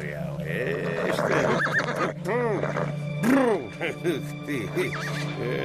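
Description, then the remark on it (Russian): A horse whinnies and snorts in a series of rising and falling calls over a steady low hum, moderately loud, in a barn stable as a stableman tends to it behind a thin wooden plank partition. “За дощатой тонкой перегородкой возился около лошади конюх.”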